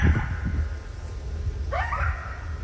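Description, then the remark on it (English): Two coyotes from a pack yip and howl early one evening in a rural area on the edge of the city of Bellingham, with rising, wavering cries and short yelps over a low rumbling background, no speech. “Two coyotes from a pack that lives just down the hill from me.”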